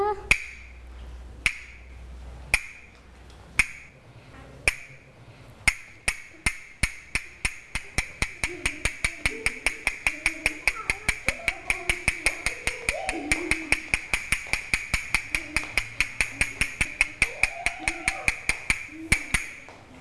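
Sharp wooden-sounding taps, a teacher tapping out a rhythm for children to listen to, begin slow and widely spaced, then settle into a quick, steady rhythmic beat that continues to the end, with faint voices murmuring in the background.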